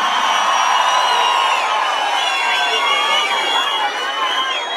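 A crowd cheers and shouts continuously after being asked to make noise for a guest, a dense, loud wall of overlapping voices with high whoops and yells rising over the roar, sustained without pause for the whole stretch.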